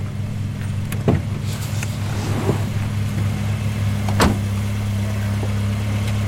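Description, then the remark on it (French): A car engine hums steadily, with a couple of sharp clicks or knocks over the low, even drone as the car starts up again and drives off. “Quand la voiture a redémarré,”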